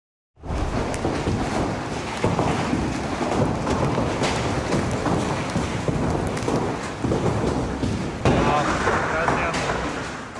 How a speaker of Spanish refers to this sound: Una intensa tormenta acompañada de granizo de gran tamaño sorprendió a los habitantes de Asunción, Paraguay.